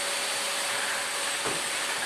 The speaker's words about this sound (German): Einfach vorher nochmal schnell durchsaugen.